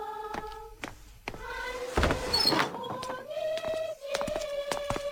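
A door is opened by a villager with a drawn-out wooden creak and a brief rattling scrape midway, the squeaky hinge groaning on and off for several seconds, fairly loud, with no voices.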